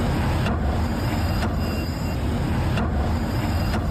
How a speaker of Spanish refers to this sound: Se ha unificado el pavimento, se han reparado una veintena de alcantarillas, renovación de aceras, mejora en el drenaje y cambio de volardos, pero el ruido que hacen los autobuses al pasar por las arquetas no se ha eliminado.